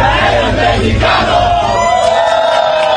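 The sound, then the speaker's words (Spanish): A large crowd of Mexicans chants in unison toward the Koreans, "Coreano, ya eres mexicano! Hermano, coreano!", many voices rising and falling together in a loud, steady rhythmic shout that fills the whole clip without pause. “Ya eres mexicano, así es, ese es el grito de los mexicanos hacia los coreanos.”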